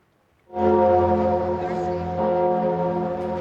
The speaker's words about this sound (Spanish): Y las campanas de todas las iglesias del país le han recibido así.